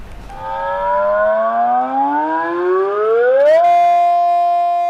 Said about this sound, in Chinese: 上午10:30，防空警报准时响起，预先警报、空袭警报、解除警报和灾情警报，每种警报持续3分钟，一共鸣放时长12分钟。涪陵区广电应急广播系统协同区国动办72台防空警报器同时鸣放，警报声响彻整个涪陵城市上空。